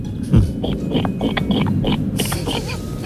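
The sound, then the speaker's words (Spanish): A person imitates a pig, letting out a steady run of rough snorting oinks and grunts with short breathy bursts, loud and continuous for a few seconds. “Bueno, pues yo sé imitar a la gallina y al cerdo. Ah, pues empecemos por el cerdo, ¿por qué no?”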